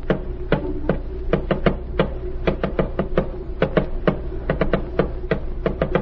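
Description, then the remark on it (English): A rapid series of sharp taps in irregular groups, short bursts and pauses tapping out a coded message, crisp over a steady low hum, with no one speaking. “Tap it out.”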